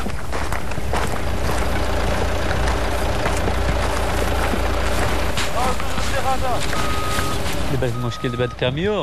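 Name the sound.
truck engine idling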